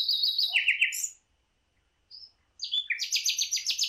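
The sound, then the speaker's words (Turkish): A bulbul sings two bright, rapid bursts of chirping notes separated by a short pause, the second phrase a quick rhythmic run of repeated whistles, clear with no voices. “O zaman sadece biz bülbül dememişiz bu kuşlara, yurt dışında da aynı karışıklık var diye anlıyorum.”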